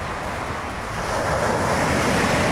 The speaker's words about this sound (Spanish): ¿Cómo le caería un ruidito de las olas? Así nomás. Visualícese.